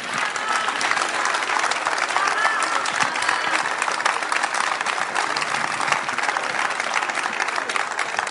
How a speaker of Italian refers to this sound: Non volevo interrompere l'applauso.